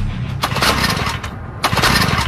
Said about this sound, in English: trying to get his lawnmower going. Okay. Take a listen.